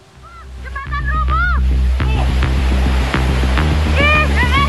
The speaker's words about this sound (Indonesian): Luapan arus sungai Cikaret menerjang badan jembatan beton hingga roboh di kawasan Cibalagung, Kelurahan Pasir Jaya, Kecamatan Bogor Barat, Kota Bogor, Jawa Barat, saat diguyur hujan deras pada Senin siang.